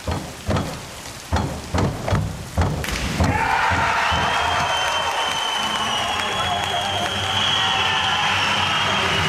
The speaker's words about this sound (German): So klang das am Abend in Paris bei der Schwimm-Europameisterschaft und der Jubel galt unserem Synchron-Wasserspringern Lou Massenberg und Jonathan Schauer aus Halle. Sekunden später gab es dann für Fans und Trainer die Bestätigung, das war Gold.